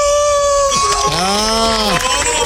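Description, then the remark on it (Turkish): A man's voice imitates a wolf howl, a loud, sustained cry that dips and then swells in a long arching glide, held for a couple of seconds without other talk. “Bakın kurt gibi bağır ….”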